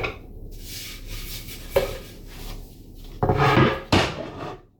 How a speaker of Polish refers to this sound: Tutaj słyszymy jakieś prace remontowe prowadzone przez sąsiadów, którzy zapewne niebawem się wprowadzą.